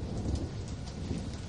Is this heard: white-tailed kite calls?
no